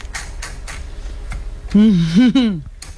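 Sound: typewriter typing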